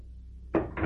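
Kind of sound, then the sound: household object, door being opened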